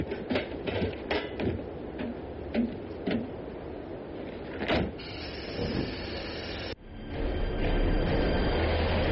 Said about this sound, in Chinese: 火车走了